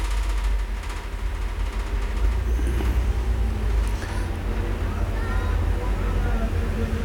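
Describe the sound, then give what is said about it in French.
Steady street traffic on Boulevard Saint-Germain with a heavy low rumble as cars, motorbikes and a postal van turning into rue du Four pass, engines droning and swelling over a continuous city background, with indistinct voices faintly underneath. “Une camionnette des postes qui tourne dans la rue du Four. Une camionnette produit Ruy. Des motos, des voitures.”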